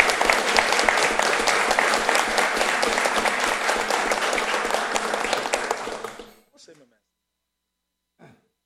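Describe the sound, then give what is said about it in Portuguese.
An audience at the Araras city council (Câmara Municipal) claps steadily and loudly for about six seconds, honouring the history of a woman from the city. The dense overlapping applause then stops abruptly, followed by a couple of faint brief noises in the quiet. “Eu gostaria uma salva de palmas pela história dessa mulher que contribuiu para Araras.”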